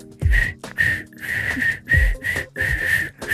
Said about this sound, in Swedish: Borde vi ge en snabb liten uppvisning om du visslar helt snabbt. Vad jag har övat.